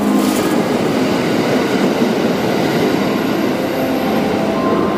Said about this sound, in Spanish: Thunderbird es el nombre del tren Limited Express más moderno que circulaba entre Kanazawa y Osaka